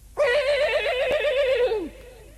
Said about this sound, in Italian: Questo era il nitrito di uno dei suoi due morelli. L'avrebbe riconosciuto tra mille, ma non veniva dalla scuderia. Veniva dal porcile.